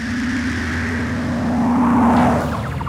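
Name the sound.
car driving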